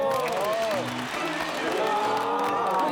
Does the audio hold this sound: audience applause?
yes